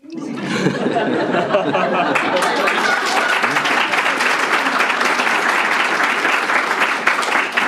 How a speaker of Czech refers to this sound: Stačil jsi si povšimnout toho, kdo teďka tleskal? Ženy.